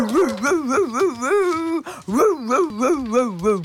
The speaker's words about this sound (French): Le chien aboie de toutes ses forces en direction de la rue.